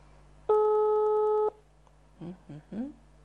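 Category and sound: signal or alarm, telephone ringing tone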